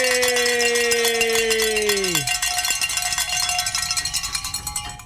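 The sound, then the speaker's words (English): Bells clang and jangle in a rapid, continuous flurry of bright metallic strikes, rung on Our Catholic Radio to celebrate reaching a fundraising goal, preceded by a tone that slides downward in pitch before fading into the ringing. “And I just got word we can ring some bells, gentlemen. We have reached our goal.”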